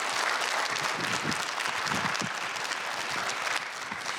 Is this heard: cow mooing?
no